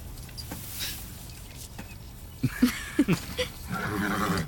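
A horse neighs, a few short snorting bursts followed by a longer, wavering whinny over low rumbling background noise, with no talking.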